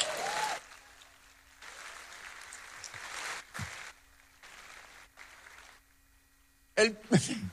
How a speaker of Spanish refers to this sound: No sé si aquí hay alguien que crea todavía en el arrebatamiento de la iglesia. Si hay alguien que lo crea, dé un aplauso.